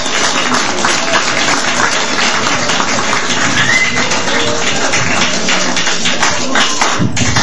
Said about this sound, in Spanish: Vamos a recibirlo con fuertes palmas al profesor